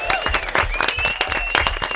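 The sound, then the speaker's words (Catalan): An audience applauds, dense overlapping claps forming a steady, loud patter for the whole stretch, with a faint high whistle-like tone running underneath. “Molt bé, un aplaudiment, no?”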